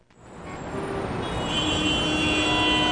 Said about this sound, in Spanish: Uf, otro día de tráfico.